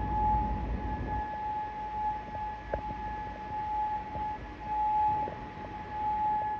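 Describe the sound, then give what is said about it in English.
A steady air raid siren wails across the whole stretch in Bahrain, sounding as Iran's Revolutionary Guard Corps strikes the US 5th Fleet headquarters there. Its sustained tone carries over low rumbling background noise, with no voices present. “Air raid sirens echoed across Bahrain while Kuwait activated its air defense systems to intercept incoming threats.”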